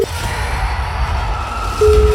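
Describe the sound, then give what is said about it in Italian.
A telephone ring tone as a game show calls a listener in Lodi: a short steady mid-pitched beep at the start, then the same tone returns and holds near the end, over a low background rumble with no talking. “Se vi suona al telefono, urlate.”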